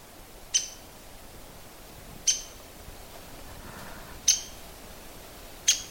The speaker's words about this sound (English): That's the sound of a woodpecker. It's their call note.